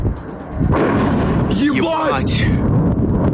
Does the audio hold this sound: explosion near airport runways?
yes